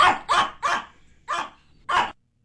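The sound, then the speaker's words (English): A dog barks five times in quick succession, loud, with a brief pause before the last two sharp barks. No one speaks. “I'm going to play a couple different dogs and I'd like you to translate what they're saying, please.”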